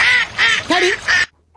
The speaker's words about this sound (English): What, the duck? Easy. You hear their wings splashing in the water.